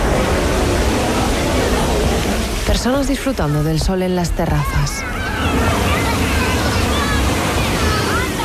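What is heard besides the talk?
sea waves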